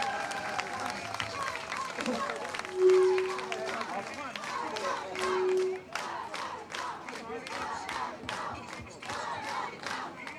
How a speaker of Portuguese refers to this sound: Um grande e forte aplauso para o nosso presidente, Dr. Mário Passos.